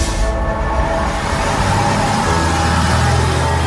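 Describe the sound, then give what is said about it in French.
Steady engine drone and road rumble from inside a moving city bus on line E in Laval, France, arriving at Place de la Trémoaille, with low mechanical hum and rattling filling the cabin continuously; no one speaks. “Nous sommes sur la ligne E du bus lavallois, on arrive place de la Trémoaille”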